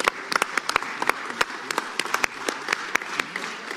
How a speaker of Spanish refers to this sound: Así que le damos un aplauso también a ellos.